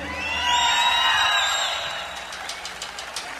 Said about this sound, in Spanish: Y para todos los solteros, un grito a ver fuerte, todos los solteros.